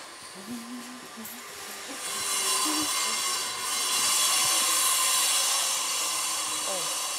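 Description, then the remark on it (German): Loud, steady construction machinery noise from a building site at a zoo's elephant house, a broad whirring roar that swells after a quieter start and holds to the end, with faint low voices murmuring underneath at the beginning. “Trockenfrüchte sollen Tefi, Bala und Rada über den Baulärm ein wenig hinwegtrösten.”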